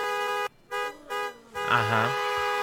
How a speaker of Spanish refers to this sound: Bueno, la chiquiseñal es que todos al mismo tiempo, cuando yo dé la señal, vamos a hacer este sonido con el claxon del carro.